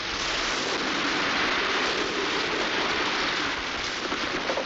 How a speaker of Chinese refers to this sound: 雨越下越大了，哟，打雷了！